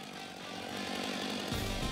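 A chainsaw roars steadily through wood as chainsaw carver Crazy George saws a wild boar figure before an audience at the spring festival of the Bald timber yard in Kreuztal, its buzzing engine note rising and growing louder as the blade bites in, then dropping lower and heavier near the end. No one speaks.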